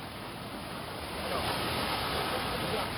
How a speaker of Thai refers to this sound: เมื่อวานนี้แล้วใส่ภาพคู่กันฝนลูกเห็บที่ชิลีประเทศอเมริกาใต้เมืองกลายเป็นทะเลลูกเห็บเลย กรุงซานติอาโกค่ะลูกเห็บตก